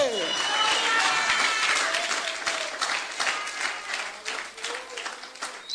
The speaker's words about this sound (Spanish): Por ese aplauso a Cristo, a su nombre.